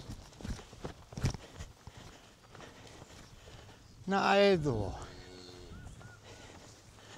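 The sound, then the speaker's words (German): A cow and calf, driven at a trot toward a new pasture less than 500 metres away, walk with irregular, soft hoof thuds. Halfway through, a loud, drawn-out bellowing call breaks in, and a person speaks briefly. “Kuh und Kalb nehmen Fahrt auf.”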